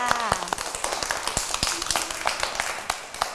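A group of children clap their hands for a classmate in a scattered, uneven burst of sharp slaps, with a brief high voice at the start and chatter mixed in.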